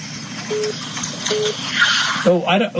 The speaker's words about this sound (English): Just wondering what that beep beep is. My phone's not making no noise. Oh, it might be my phone. Yeah, it might be my phone.